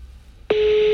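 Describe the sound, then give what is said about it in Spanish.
A steady, loud telephone ringing tone starts halfway through and holds unbroken to the end, heard over a phone's speaker on hands-free after a moment of quiet background hiss, as a call is placed to Diego Maradona's old phone. “Llamando al teléfono de Maradona.”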